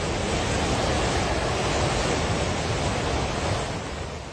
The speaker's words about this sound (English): Videos shared by police and on social media show torrents of muddy water crashing through mountain villages.